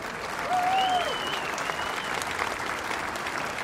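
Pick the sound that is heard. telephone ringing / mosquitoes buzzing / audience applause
audience applause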